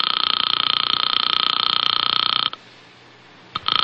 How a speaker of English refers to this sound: I sat there for a full 5 minutes listening to the ring of a phone I knew wasn't going to be picked up.